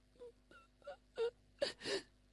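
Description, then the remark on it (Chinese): A storyteller imitates a daughter's crying coming from an inner room in a told tale: short sobbing whimpers that grow louder and breathier, ending in two strong wailing gasps, with no words spoken. “就听见女儿的哭声”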